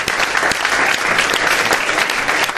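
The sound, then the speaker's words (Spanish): Steady applause from an audience at a stage event at the Feria del Libro (Book Fair), dense clapping with sharp individual claps standing out, sustained at an even, fairly loud level throughout with no voices. “Un aplauso os doy ahora por haber venido a vernos.”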